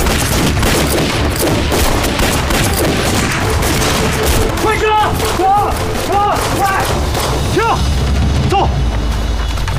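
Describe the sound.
A loud, dense volley of gunfire crackles continuously, with rapid overlapping shots and heavy booming blasts, while voices shout intermittently amid the chaotic battle noise.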